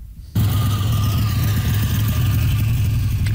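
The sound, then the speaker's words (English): A classic car engine idles with a loud, steady low rumble that cuts in abruptly after a brief quiet moment and holds evenly throughout, with no one speaking. “Coffee shop and fast food parking lots right across this country fill up this time of year with classic and collector cars, from 1920s models to modern dream machines, all restored, polished, and surrounded by proud owners.”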